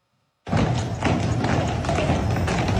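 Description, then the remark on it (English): Heavy hooves of the Budweiser Clydesdales, an eight-horse hitch of horses about 6 feet tall and 2,000 pounds, clip-clop steadily on a hard street as they parade along River Street in Savannah, Georgia, for the brand's 150th anniversary, starting abruptly amid a loud, busy outdoor wash of noise with faint crowd voices. “Celebrating its 150th anniversary by parading its famous Clydesdales through Savannah.”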